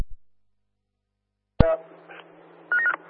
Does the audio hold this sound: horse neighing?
no